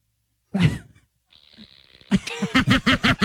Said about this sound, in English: That's why you use your fart machine a lot.